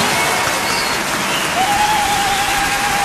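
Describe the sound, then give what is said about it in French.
Steady, dense applause on the show Méli-Mélo, welcoming someone there for the first time, a loud continuous wash of clapping with no pauses, plus a faint high tone like a whistle or cheer sustained through the second half. “Donc voilà, les premières fois dans Méli-Mélo, nous applaudissons bien fort.”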